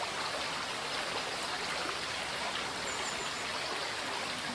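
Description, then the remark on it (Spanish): The Arazas river tumbles steadily down a series of limestone rock steps at the Gradas de Soaso, a dense, continuous roar of splashing and churning that stays loud and even throughout, with no voices. “El Arazas se descuelga aquí en una serie de escalones que ofrecen el soberbio espectáculo de sus ruidosas aguas modelando la roca calcárea que le sirve de cauce.”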